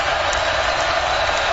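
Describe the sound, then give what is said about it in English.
A large stadium crowd roars and cheers at a football game while officials try to set the clock, a dense, continuous wash of noise, loud and steady throughout with no single voice standing out. “What he's doing is he's allowing this crowd to make more noise.”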